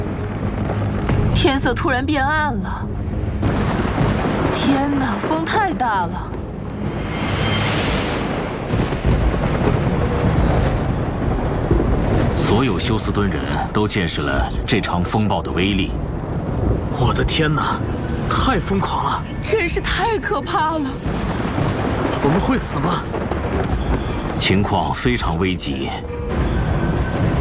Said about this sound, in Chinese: 你可能也听到汽车被撞击的声音。 冰雹好像有乒乓球那么大。